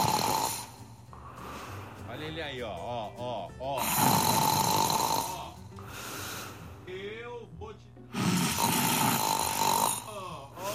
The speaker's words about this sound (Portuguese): Pare com esse ronco, por favor. Tá me atrapalhando aqui, velho.